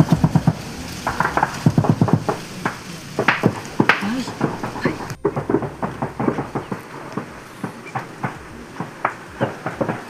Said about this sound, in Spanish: Escuchemos un poquito lo que se escucha, que es el diario, lo que se ha tenido durante toda esta semana, y el sonido de fusiles y de explosiones.